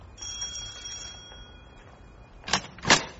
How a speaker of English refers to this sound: Do you think Lionel's up yet? Try the doorbell.